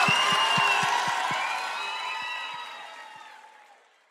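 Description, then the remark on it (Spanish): A crowd applauds and cheers with shrill whistles over a dense wash of clapping, loud at first and then gradually fading away over a few seconds. “un aplauso muy, pero muy gracias. Fuerte”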